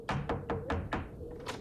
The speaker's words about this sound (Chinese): 两个人敲门进了屋